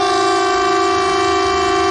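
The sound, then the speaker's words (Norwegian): A civil defence air raid siren in Norway sounds during a test of the emergency warning system, a steady, loud tone throughout, with rich harmonic layers holding at a constant pitch and no voices present. “Og tyfonene...”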